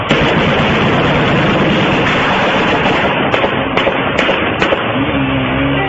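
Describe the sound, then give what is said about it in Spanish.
Several sharp gunshots crack out in quick, irregular succession over a loud, steady wash of background noise, distinct, with no talking, fired during an armed attack by a hitman arriving on a motorcycle at a car wash in Tabaí on a Saturday, which left 2 dead and 4 wounded. “Y siguen los disparos de Juan.”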